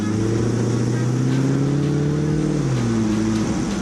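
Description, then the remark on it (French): The engine of a 450-horsepower, 800 kg vehicle roars loudly and continuously in falling snow in Annecy, its deep harmonic drone climbing slightly in pitch, then dropping and surging again near the end as the revs shift. “Ça vrombit, c'est juste du grand n'importe quoi.”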